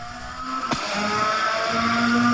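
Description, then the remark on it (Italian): Rally car engines at the start of the shakedown of the 42nd Rally della Lanterna drone loudly and continuously, steady harmonic tones with a slight rise in pitch toward the end, over a broad wash of outdoor noise and a brief sharp sweep. “Sentiamo anche il suono dei motori.”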